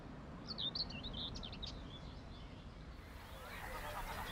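Several birds, including Savi's warblers and sedge warblers, chirp and twitter in quick, high bursts from reed beds lining a shallow lake in northeastern Germany in early spring, over a steady low rumble of wind or water, the calls fading after a few seconds into a soft outdoor ambience.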